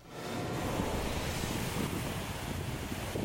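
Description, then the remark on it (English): Steady roar of Mediterranean Sea surf washing onto a beach in Tel Aviv, Israel, on a sunny day, broad and continuous for a few seconds with a windy rush over it, no voices present. “Israel's Mediterranean coast boasts stunning views and great beaches. The sea is the ultimate metaphor for life.”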